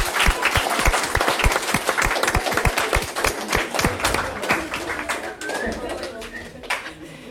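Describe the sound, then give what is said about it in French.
An audience applauds the première SES2 students of lycée La Solée for their 2025-2026 media education project in the Vercors, steadily for about seven seconds, a dense, bright patter of many hands clapping at a fairly loud, even level that thins slightly toward the end. “On peut les applaudir.”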